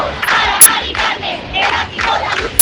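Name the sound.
protest crowd shaking keys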